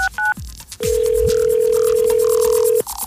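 A couple of quick dial beeps, then a single long, steady electronic ringback tone of an outgoing phone call from Star 95 Radio to a Free Gas Friday contest winner, heard clearly through the line for about two seconds with no talking.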